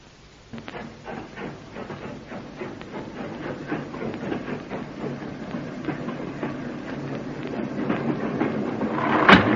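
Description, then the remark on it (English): A night train to Glasgow rumbles steadily along the rails with a rhythmic clickety-clack of wheels over track joints, building slightly in loudness toward the end, with no voices present. “Looks as if half the British Army's on the train.”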